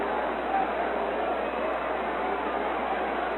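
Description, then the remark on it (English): A baseball stadium crowd voices its disapproval of umpire Montebianco's ball-four call in a steady, dense roar of jeering and booing that holds at a fairly loud level throughout, with no single voice standing out. “The crowd letting Montebianco know of their disapproval about that call.”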